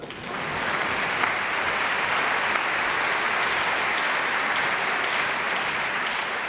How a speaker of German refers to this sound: Und nochmal extra Applaus für die Janitscharenkapelle heute Abend.